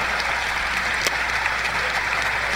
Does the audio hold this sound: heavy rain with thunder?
no